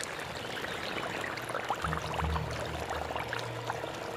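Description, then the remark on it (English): Rushing floodwater from heavy rain surges and churns in a steady, unbroken wash, with splashes and gurgles flickering through it and a low rumble rising partway through. No voices. “Heavy rain brings flooding.”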